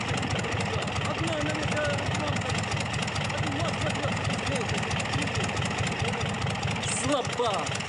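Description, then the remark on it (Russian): A crawler tractor engine idles steadily while mechanics fasten an airplane to it with a cable, its low, rapid chugging pulsing without pause, with indistinct voices mixed in beneath the rumble. “Под руководством … механики крепят самолет тросом к гусеничному трактору. Да выключите его к чертовой матери!”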